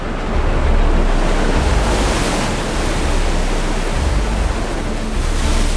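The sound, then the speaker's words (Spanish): Ocean waves crash steadily against a rocky shore, a loud, continuous roar of surf with rising surges of spray, with no voices. “Vivir encima de las rocas, completamente expuesto a las olas, es uno de los mayores retos a lo largo de estas costas.”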